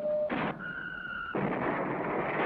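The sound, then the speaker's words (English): A toy IRBM missile launcher from a Lion-L electric train set, fired by pressing a button, makes an electronic sound effect: a short tone and burst, a steady high whine, then a loud, sustained hissing blast-off roar, with no one talking. “And fire this IRBM launcher by pressing a button.”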